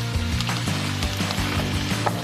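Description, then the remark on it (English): Meat sizzling and browning in a frying pan, a continuous crackling hiss with scattered pops, over a steady low hum and no talking. “Okay, when that starts sizzling a little bit, we're going to add the meat.”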